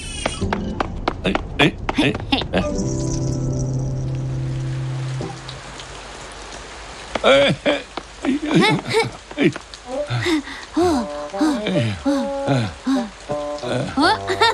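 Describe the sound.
Steady rain hisses in the background, first under a short musical passage, then briefly on its own before animated voices talk over it.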